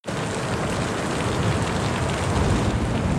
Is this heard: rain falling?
yes